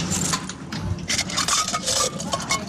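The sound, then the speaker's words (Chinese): A bunch of keys jingles and clinks continuously with bright metallic rattles and small scrapes as someone tries a key that turns out to be the wrong one. No one is speaking. “钥匙不对了。 钥匙一直是在你这边。”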